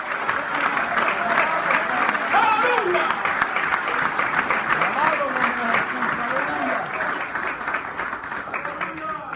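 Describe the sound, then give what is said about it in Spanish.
Many people clapping together in a steady, continuous round of applause, with raised voices talking and calling out underneath throughout. “Voy a aplaudir porque algunos de ustedes ya se murieron ya.”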